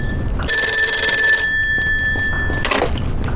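A telephone rings with a bright, metallic bell burst that lingers and fades, then a second ring starts just before the end; the call is from the young lady of the house. It is clear, with no talking.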